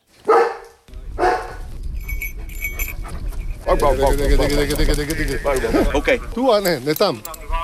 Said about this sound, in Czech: V okolí Labské boudy v Krkonoších je v těchto dnech slyšet hlasitý štěkot.